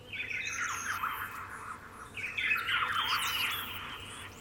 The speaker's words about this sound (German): Tatsächlich, bei mir wären es wirklich Vogelstimmen, weil die hast du früh, die hast du abends. Ich habe tatsächlich hier letztens ein Pirol gehört.